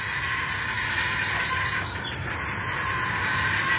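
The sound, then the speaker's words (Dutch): Bird chicks being fed at the nest, in a tree holding several nests, call in a rapid, excited stream of high-pitched chirps and squeaks, with repeated short descending notes over steady low background noise. “Die kuikens die worden helemaal wild.”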